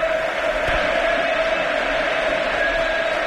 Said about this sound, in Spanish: Es Pedri, el hombre que abandona el terreno de juego. Partido 250 con la camiseta del Barça de Pedri. Recibe una gran ovación del Camp Nou.